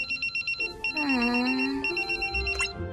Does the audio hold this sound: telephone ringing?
yes